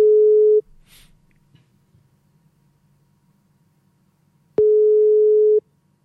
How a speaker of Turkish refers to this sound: İki kere daha çaldırır kapatırım. Bir. İki.